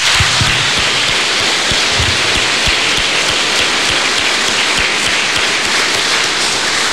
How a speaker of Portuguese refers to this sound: Nós queremos parabenizá-los, né, e saudá-los também neste dia, por isso convido a que todos os acolhamos e saudemos com uma salva de palmas.